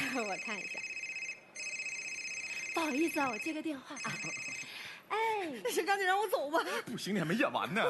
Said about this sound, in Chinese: 我的，我看一下。不好意思啊，我接个电话啊。